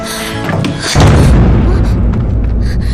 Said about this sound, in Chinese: 哎，小姐，小姐，你开门呢。小姐，小姐， 把门关上了。